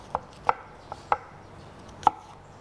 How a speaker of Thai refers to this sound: แล้วก็แอปเปิ้ลล้างให้สะอาดแล้วก็หั่นเป็นชิ้นเล็กๆ เราใช้ทั้งเปลือกเลยนะคะ